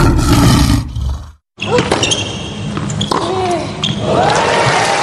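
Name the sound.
lion roar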